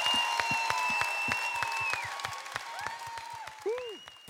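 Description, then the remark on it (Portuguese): An audience applauds a song performed by several artists, with dense, steady clapping throughout, joined by shrill whistles that hold a high pitch and then swoop up and down, plus scattered cheering. “Até palmas, mãe querida, esta bonita música com vários artistas.”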